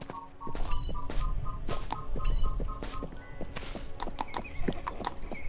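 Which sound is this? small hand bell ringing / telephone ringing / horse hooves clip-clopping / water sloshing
horse hooves clip-clopping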